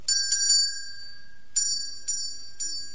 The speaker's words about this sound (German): Oder aber es gab ein kleines Loch in der Wand. Dann konnte man eine Schnur nach draußen ziehen. Drinnen hing die Schnur am Klöppel der Glocke, draußen war das andere Ende der Schnur. An der konnten Besucher dann ziehen.